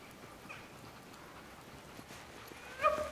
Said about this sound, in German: Ungewöhnliche Rufe schallen durch den Wald. Seit einigen Jahren sind Hundeschlittentouren der Renner in Estlands Wildnis.